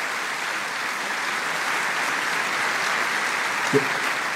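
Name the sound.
welcome applause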